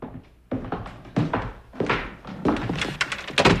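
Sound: door being opened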